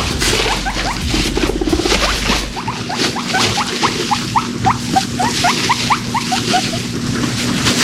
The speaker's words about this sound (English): Now today, if you didn't know, I did mention it earlier, we're going to mention it again, it's National Guinea Pig Appreciation Day. I've got some sounds.